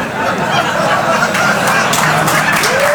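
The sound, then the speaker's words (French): A steady wash of audience applause fills the whole three seconds, dense and loud, with a murmur of crowd voices and a faint rising tone near the end. “Non, non, moi je reste sur l'applause, hein.”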